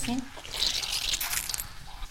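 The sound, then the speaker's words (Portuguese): Wet squelching and hissing as leftover water is squeezed out of the milk curd while making artisanal cheese in Cape Verde, a steady, fizzy squish lasting about two seconds, with a brief low murmur at the start. “Este barulho que estamos a ouvir está a tentar a tirar o resto da água do leite.”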